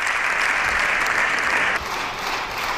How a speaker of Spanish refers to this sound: En estos momentos, la bancada popular está en pie aplaudiendo al líder del PP, a Núñez Feijóo, en ese turno de réplica que veremos si también asumen el resto de grupos parlamentarios.